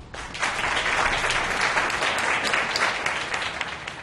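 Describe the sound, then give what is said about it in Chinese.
A crowd at the groundbreaking ceremony for the Yan's shopping mall claps steadily for about four seconds to honor the vice chairman's mother, a dense, even wash of many hands that swells in just after the start and holds at a strong, constant level without voices. “没有她就没有今天的严氏企业，请大家以掌声向她致上最高的敬意。”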